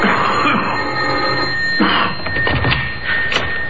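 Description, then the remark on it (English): A caller rings the doorbell of a house surrounded by a moat: a steady, continuous electric jangle lasting a few seconds, fairly loud over a noisy background, with no voices. “He rang the doorbell.”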